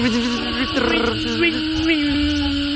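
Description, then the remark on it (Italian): A Japanese cicada buzzes in a steady, droning tone that wavers slightly in pitch, loud, continuing without pause for a few seconds with no talking over it; the sound is produced with only the lower part of its body. “Ma solo con la parte inferiore del corpo, la cicala giapponese. Hai sentito che suono produce?”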